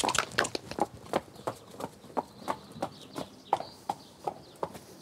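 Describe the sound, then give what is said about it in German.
A horse trots off after having all four legs flexed in a veterinary check before its sale, with steady, evenly spaced hoofbeats, sharp clip-clop strikes repeating roughly every third of a second, with faint bird calls in the background and no talking. “Trab los wie ein junger Gott, ne?”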